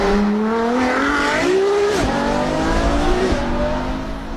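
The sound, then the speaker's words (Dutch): A Ferrari sports car engine roars at high revs, its pitch climbing through gear changes with brief dips, loud and continuous throughout with no voices. “En bij Ferrari is het dan ook de vraag hoe die wagen gaat klinken.”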